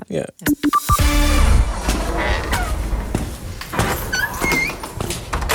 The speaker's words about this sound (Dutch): U hoort weer de krakende deur van de schatkamer van Beeld en Geluid.